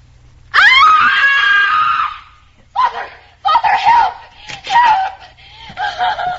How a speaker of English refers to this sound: why are you screaming? What's the trouble?